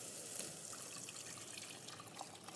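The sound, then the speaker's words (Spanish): Four cups of water pour steadily into a cooking pot for two cups of rice, a continuous splashing rush with a few brighter drips and gurgles, fairly quiet, with no talking. “Vamos a agregar, vamos a hacer 2 tazas de arroz, las 4 tazas de agua.”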